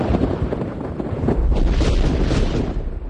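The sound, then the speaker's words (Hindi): A bomb explosion in Pune: a heavy, roaring rumble fills about three seconds, loud, with deep booming low end and a sustained crackling wash of noise, no voices. “चाफेकर बंधुओं के बलिदान को अधिक दिन नहीं हुए थे कि पूना में एक बार फिर बम का धमाका हुआ।”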